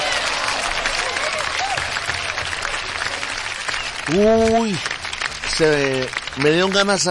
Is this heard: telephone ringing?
no